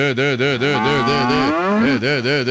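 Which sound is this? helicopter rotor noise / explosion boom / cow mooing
cow mooing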